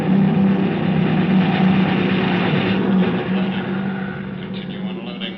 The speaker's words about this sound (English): There they come. Over at that sand dune. Messerschmitts. Stay under your tin hat. Those babies cut grass.